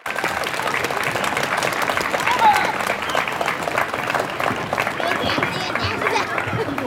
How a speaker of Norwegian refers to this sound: Derfor så må alle sammen gi en varm applaus til ordfører Jan Morten.